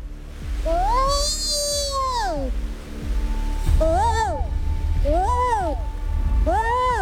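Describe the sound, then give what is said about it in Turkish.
A person hidden while waiting for deer imitates a mother deer calling her fawn, in distress: one long wavering cry, then three shorter rising-and-falling bleats, fairly loud over a steady low rumble. “O yüzden yavrusunu çağıran annenin sesini taklit etmeye çalıştık.”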